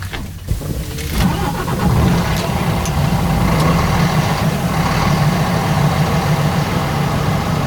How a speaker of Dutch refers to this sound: Nou, daar zitten we dan. In een echte ouderwetse dieselvrachtwagen. Echt een ouderwetse dieselvrachtwagen, ja. Dus die moet ik echt nog met het sleuteltje moet ik die opdraaien. En zullen we eens kijken of die doet.